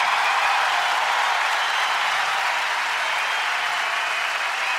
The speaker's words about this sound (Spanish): Y ahora a ver si traemos a nuestro arreglador. Fuerte el aplauso